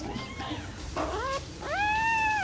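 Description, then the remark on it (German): Newborn fox cubs, still blind and deaf, crawl under a towel over a heating pad and squeak and whimper for food: a few thin, high, wavering cries, rising and falling, ending in one longer, louder whine. No one speaks. “Die Tierchen robben, noch blind und taub, unter einem Handtuch über das Wärmekissen, melden fiepend ihren Hunger und bekommen im 2-Stunden-Rhythmus ihr Fläschchen.”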